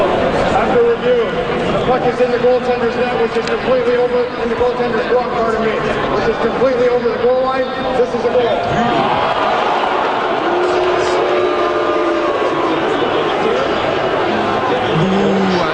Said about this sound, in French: Après, mais je vais vous faire entendre ces moments-là tels que vécus à l'extérieur du Centre Bell mardi. Donc là, la foule est en attente de la décision des arbitres qui décident de revoir s'il y a but ou pas sur un lancer des sabres.